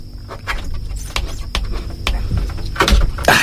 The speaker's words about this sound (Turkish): Evet, şimdi iş kapıyı açmaya geldi. Bu iş nasıl yapılır bilmiyorum ama bir kere deneyeceğim. Yanımda tornavida var. Belki onunla bir şeyler yapabilirim.